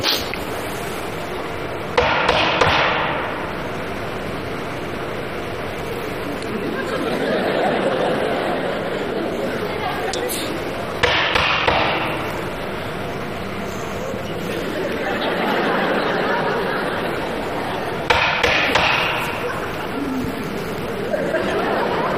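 Three separate bursts of sharp knocking on a door, a few quick raps each, spaced several seconds apart, acted out as calling at someone's door during a stage performance, with a soft crowd murmur swelling in between.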